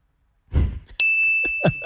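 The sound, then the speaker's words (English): A single bright bell ding rings out sharply and sustains its clear tone to the end, following a brief breathy rustle, with faint low vocal sounds murmuring beneath the ringing. “Pause for the bell.”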